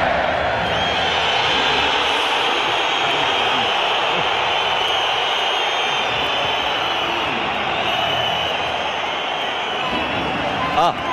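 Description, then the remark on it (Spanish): A huge stadium crowd of Atlético de Madrid fans boos and whistles at Julián Álvarez as the official stadium announcer at the Riyadh Air stadium introduces him, a steady, loud roar that never lets up, with sharp high whistles piercing through it at moments. “Está el abucheo de la afición del colchonero a Julián Álvarez.”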